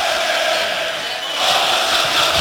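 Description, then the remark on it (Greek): A dense, roaring crowd of AEK fans cheers and chants at Stamford Bridge in London after AEK scores to lead 1-0 in the 29th minute, a continuous wash of noise that swells louder in the second half, with no single voice standing out. “Ακούτε τι γίνεται εδώ στο Λονδίνο με τους φίλους της Ένωσης.”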